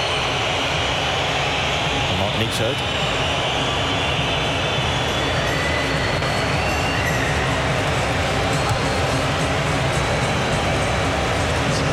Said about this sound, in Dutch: Gigantisch fluitconcert.